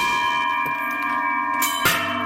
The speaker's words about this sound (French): Mais on voudrait entendre ces cloches une deuxième fois avant que vous partiez, parce que ça sonnait magnifiquement bien.